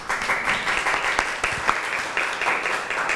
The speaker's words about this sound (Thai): น่าสนใจมากค่ะปรบมือให้เพื่อนหน่อยค่ะ